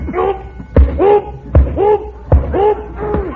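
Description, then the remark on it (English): Three heavy boxing punches thud at a steady pace as two fighters trade punches, each a sharp impact. Vocal grunts or sounds fill the gaps between the blows. “Get in there, …, and trade punches.”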